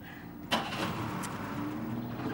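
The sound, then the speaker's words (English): A car engine turns over with a short burst, then settles into a steady, low idling rumble as it is left running to warm up, without any voices. “I'm letting the engine run. I'm getting it warmed up.”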